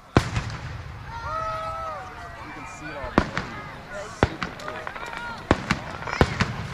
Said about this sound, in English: A fireworks show Friday night capped off day one of Stars and Stripes Days in Pequot Lakes. Trailside Park sits in the middle of the Crow Wing County City.